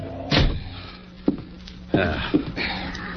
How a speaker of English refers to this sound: kick the door shut.